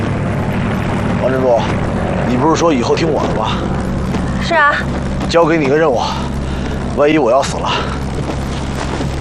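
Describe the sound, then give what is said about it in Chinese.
A steady, loud propeller-aircraft drone fills the whole scene, a constant low hum overhead, while people shout over it in short bursts as they keep moving supplies. “来，别管飞机，继续搬东西，快点！”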